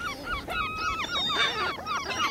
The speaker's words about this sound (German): Danke an alle Möwen.